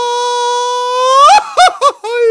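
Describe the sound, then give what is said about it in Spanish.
A single voice lets out a loud mariachi-style grito, holding a long high cry before breaking into three quick warbling, yodel-like yelps that trail into a laughing finish. “¿A ti nueve te sale el grito de mariachi?”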